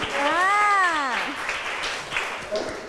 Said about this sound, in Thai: โอ้โหคมมากเด็กๆปรบมือให้เพื่อนหน่อย